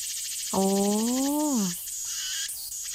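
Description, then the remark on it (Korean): A steady, rapidly pulsing buzz of a Meimuna opalifera (aemaemi) cicada song, continuous, briefly overlaid by a low, gliding tonal hum near the middle. “그게 작은 게 애매미입니다.”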